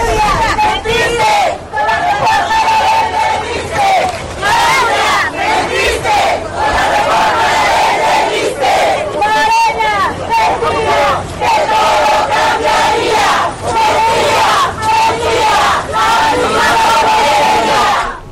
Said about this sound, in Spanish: La misma porquería, así le gritaban a la presidenta. Los reclamos a la presidenta en Oaxaca, maestros de la CENTE de la sección 22 le cerraron el paso y le increparon